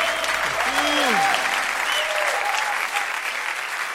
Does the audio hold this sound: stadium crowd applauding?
yes